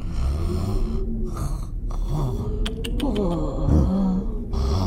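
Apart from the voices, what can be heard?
snoring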